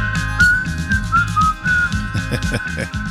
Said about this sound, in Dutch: Wij kunnen fluiten. Ja.